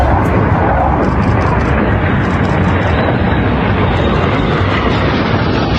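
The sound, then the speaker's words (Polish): A loud, steady roar of F-35 fighter jets flying overhead over Kraków, on a flight from Warsaw back to their base in Łask, fills the whole stretch, a dense rushing rumble that stays powerful without fading. “Z Warszawy F-35 poleciały nad Kraków i wróciły do bazy w Łasku.”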